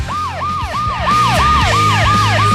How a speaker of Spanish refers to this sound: Pero yo no tengo el efecto, hermano. Pero si quieres te pongo una ambulancia.